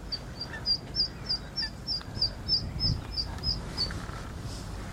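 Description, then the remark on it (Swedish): Ducks and geese with downy chicks calling outdoors: a steady run of about a dozen short, high-pitched calls, evenly spaced, over a low background rumble. No one speaks. “Vart vi ser så är det änder och gäss med dunungar.”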